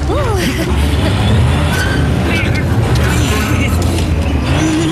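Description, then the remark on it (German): The small vehicle Felix's motor strains and drones continuously, a steady low rumble that never gains speed, too weak to move a large cable drum at a construction site, with a brief vocal sound near the start and busy background noise throughout. “Aber sein Motor ist zu schwach. Sie bewegt sich einfach nicht vom Fleck.”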